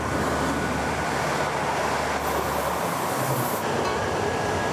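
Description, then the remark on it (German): A train rattles steadily along the tracks in Bergedorf, Hamburg, on the line to Berlin, a dense, continuous clatter and rumble that fills the whole few seconds with no voices; trains pass every minute. “Das Rattern im Minutentakt ist bis heute geblieben.”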